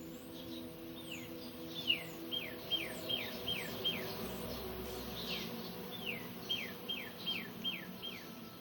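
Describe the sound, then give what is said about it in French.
Outdoor birds chirping in two quick runs of short, descending notes over a steady high buzz of insects and a low ambient hum. No one speaks. “Et en même temps, j'entends aussi des oiseaux.”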